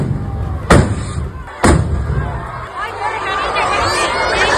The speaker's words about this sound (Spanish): Pues era el momento en que las mechas de varios cohetes que se iban a lanzar se han prendido con las chispas de los dos primeros y han estallado en el balcón del ayuntamiento y sobre la multitud que se congregaba en la plaza.